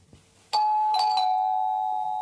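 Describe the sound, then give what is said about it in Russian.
A doorbell rings with a bright electronic chime: a sharp strike at the start followed by a couple of quick repeated tones, then a sustained ringing note that slowly fades. No voices. “Оля в красной блузе и коричневой вельветовой юбке солнца спешит открыть дверь.”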